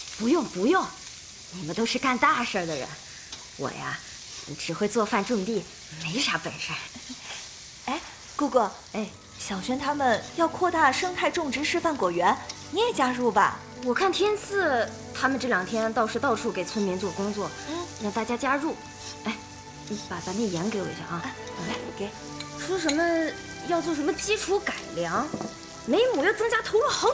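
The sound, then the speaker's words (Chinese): Steady sizzling and frying from a hot wok as garlic scapes with cured pork are stir-fried, running continuously beneath people talking. “哎，不行啊，你再炒一个蒜苔腊肉吧。”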